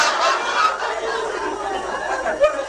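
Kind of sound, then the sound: bird, chicken clucking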